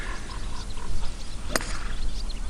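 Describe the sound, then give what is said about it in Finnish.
A single crisp crack of a golf club driving a ball off the tee on the opening shot, sharp, set against steady outdoor ambience with frogs croaking faintly in the background. “se on pallo laitettu tiille ja nyt valmistaudutaan ensimmäiseen lyöntiin”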